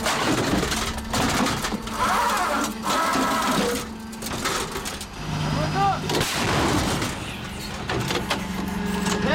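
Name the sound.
self-propelled howitzer firing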